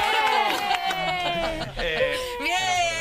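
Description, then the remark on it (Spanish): Steady applause with scattered claps, overlaid by sustained, slowly gliding tones that give it a strange, eerie quality; fairly loud and continuous for the whole stretch. “De nuevo, el aplauso inquietante, ¿no?”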